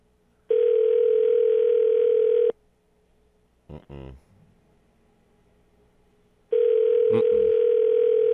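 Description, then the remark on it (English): A phone line rings out with two long, steady ringback tones separated by a pause of several seconds, with no one picking up. A brief murmur of voice comes in between the rings. “Miss Barbara done do like that cell phone already. She done. She it's don't on silent.”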